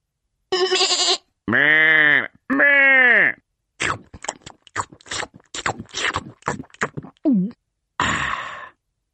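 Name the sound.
sheep bleating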